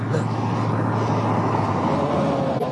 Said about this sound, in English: Truck. The truck?